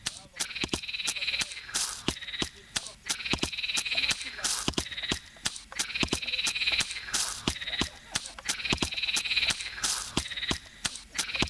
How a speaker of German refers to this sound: Ah, ey, da ist der Froschbeat. Ey, woran lag's jetzt? Ah, okay, der Killswitch war noch. Ja, okay, geil. Ja, cool, dann hört ihr jetzt ein bisschen Erlenloch-Beats mit Fröschen.